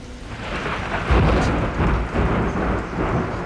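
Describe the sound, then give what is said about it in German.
A thunderstorm rages, with heavy rain hissing steadily and deep thunder rumbling and swelling around the middle before rolling on through the downpour. No voices are heard. “Sie sind nicht auf der Hochhalm bei diesem Unwetter.”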